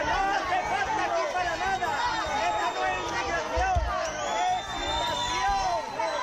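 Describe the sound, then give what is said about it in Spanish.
A large crowd boos and jeers loudly and continuously at Migration Minister Elma Saiz on her visit to Ceuta. Many overlapping voices form a dense, steady wall of hostile noise, with no single speaker standing out. “Como el propio presidente, como otros ministros, ha sido recibida entre abucheos.”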